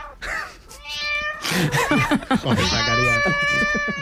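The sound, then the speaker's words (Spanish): Several agitated cats meow and yowl in overlapping, drawn-out cries, loud, with strained, wavering pitches building into a chaotic chorus over about four seconds. “Son 3 animales tranquilos, no como los que nos ha puesto Zacarías”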